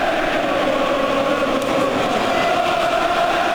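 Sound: stadium crowd chanting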